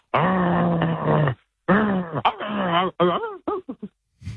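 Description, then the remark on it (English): A person imitates a growling dog: a long, steady low growl, then a wavering growl that rises and falls in pitch, ending in a few short, clipped barks. “It's obviously a dog.”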